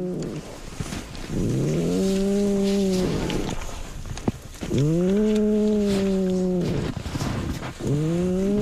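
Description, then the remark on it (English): A sleeping female polar bear cub snores: three long, droning, buzzy snores in a slow steady rhythm, each starting with a raspy breath, loud and with no voices. “And then she starts to snore.”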